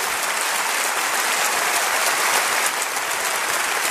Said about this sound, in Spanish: Denle un aplauso a Jesucristo, por favor. Gracias, Señor.